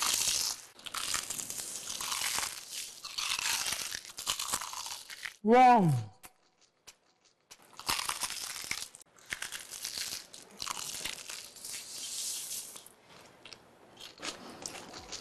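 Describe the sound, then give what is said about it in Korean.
Loud, crisp crunching as crumble-coated, crunchy and crispy fried chicken is bitten and chewed, with bursts of crackling broken by short pauses, and a brief exclamation from someone partway through. “크럼블을 입혀 크런치하고 크리스피하다.”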